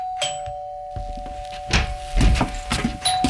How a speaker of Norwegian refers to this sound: Samme skjer hvis man opplever at det ringer på døra, og så er man opptatt med noe annet.